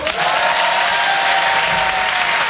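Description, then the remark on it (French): A crowd applauds steadily throughout during a comedy sketch, dense, sustained clapping from a sizable audience at a loud level, with no talking over it. “Et dans un sketch, à quel moment il applaudit le public?”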